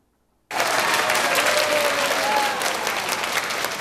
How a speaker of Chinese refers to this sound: 听众热情拍手欢迎讲师进场，期待讲师带来的精彩内容。